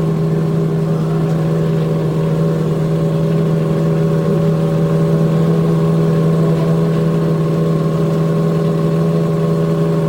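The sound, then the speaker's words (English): Race car engines at the Indianapolis 500, refired after a stop, run steadily together in a loud, sustained drone with strong low harmonic hum and a constant mechanical rumble, holding an even pitch without voices throughout. “they were told to stop, and just a minute or so later, they were told to refire.”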